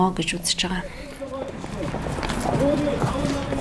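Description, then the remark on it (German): Busy street café ambience a few steps from the foreign ministry: several voices chatter over a steady bed of outdoor noise, with light clattering and scuffing steps scattered through. “Ortswechsel. Ein Straßencafé, nur einige Schritte vom Außenministerium entfernt.”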